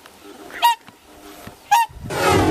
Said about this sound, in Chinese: 就在考察队员准备返回时，忽然听到了急促的叫声。原来是大天鹅夫妻意识到幼鸟出现了危险，急切地赶了回来。